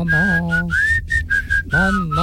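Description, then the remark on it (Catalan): A woman whistles a song she was asked to whistle: a short, wobbly tune of a handful of high notes that slide and bend in pitch, with brief gaps between phrases and a steady low hum running underneath. “però li heu demanat que xiulés una cançó i ha quedat patètic.”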